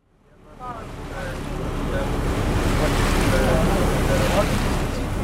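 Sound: boat moving through water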